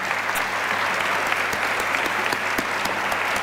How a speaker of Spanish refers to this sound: La despedimos con un fuerte aplauso. Fuerte el aplauso.